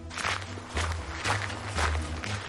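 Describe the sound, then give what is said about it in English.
Heavy, rhythmic footsteps of a wolf chasing through a forest thud along at a quick, steady pace, about four or five strides with a low booming weight to each, loud with no voices. “Behind them, they could hear the wolf's footsteps.”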